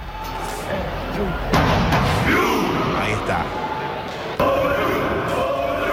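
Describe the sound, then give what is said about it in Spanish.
A stadium crowd's Viking war cry: a whole section of seated fans rows in sync to drums played by fans and shouts the traditional Viking cry with each oar stroke. Two heavy, booming drum-and-shout hits about three seconds apart rise over a steady crowd roar, with a voice speaking briefly. “Y cada golpe de remo, pues lanzaban el tradicional grito vikingo, ¿no?”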